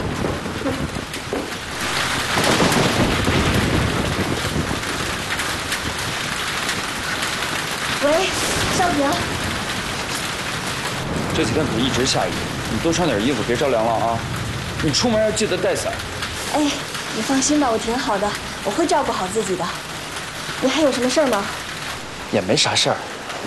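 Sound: rain falling on surfaces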